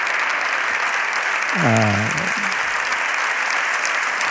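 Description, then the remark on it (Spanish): Steady, dense applause from the right-wing and far-right benches of a parliament fills the whole clip, with a brief voice-like call rising through it midway. Loud and continuous. “Ah, ahí están aplaudiendo las bancadas de la derechona y ultraderechona.”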